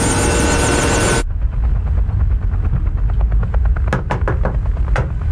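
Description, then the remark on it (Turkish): A just-repaired helicopter engine runs, starting with a loud roaring whine, then settling into a deep rumble with rhythmic rotor thuds that grow sharper and quicker. “helikopteri tamir ettik.”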